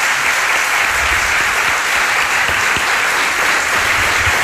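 A live audience filling a hall of the Alcázar in Seville, Spain, claps loudly and steadily, a dense wash of many hands applauding at once that holds at full strength throughout, with no voices standing out.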